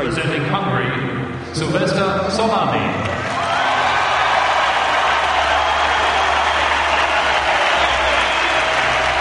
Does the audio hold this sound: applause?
yes